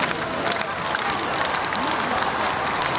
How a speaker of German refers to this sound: Hunderttausende Menschen säumen die Champs-Élysées, jubeln dem Papst mit Vatikan- oder Frankreich-Fahnen zu, als er im offenen Papamobil die Straße entlang fährt. Immer wieder stimmen sie Sprechchöre an oder applaudieren.